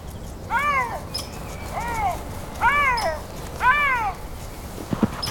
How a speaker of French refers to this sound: Notre lynx salive tellement à l'idée de son futur repas qu'il pousse des petits miaulements.